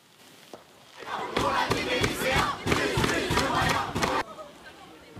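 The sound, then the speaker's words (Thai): Protesting students clash with French riot police in Sartrouville near Paris, amid lit flares, smoke bombs and police tear gas: a loud crowd shouts and yells in a chaotic mass of voices, with sharp bangs and thuds punctuating the din, surging after a quieter first second and cutting off abruptly near the end. “โดยมีรายงานการเผชิญหน้ากันระหว่างเจ้าหน้าที่และผู้ประท้วงโดยมีการจุดพลุไฟและใช้ระเบิดควันขณะที่ตำรวจเองก็มีการยิงแก๊สน้ำตาเพื่อสลายการชุมนุมค่ะ”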